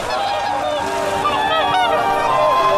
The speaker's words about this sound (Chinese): 每年十一月，生活在寒冷的西伯利亚和中国新疆、内蒙古的大天鹅，都会来到中国黄海这片天然潮汐湖过冬。